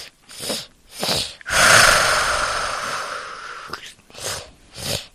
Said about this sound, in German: Das klingt wie ein gefährlicher Drache, dem der Zahn tropft. Ist das richtig? Nein, das ist der Enderdrache.